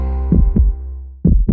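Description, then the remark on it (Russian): A heartbeat sound effect: two deep, booming lub-dub double thumps about a second apart, loud over a low steady hum, with no voices. “Ощущаешь тяжесть в сердце, учащенный пульс?”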